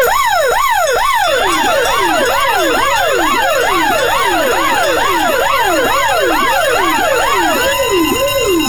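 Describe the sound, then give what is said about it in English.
A loud, rapid wailing siren hooter, sounded at 7:30 on a Monday morning as a wake-up alarm, sweeps up and down in a fast repeating whoop, layered with several overlapping tones, sounding continuously for the whole stretch with no voices. “There is your half seven hooter. That is your alarm clock.”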